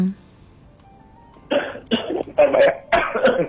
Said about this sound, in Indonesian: Batuk dulu dianya kayaknya.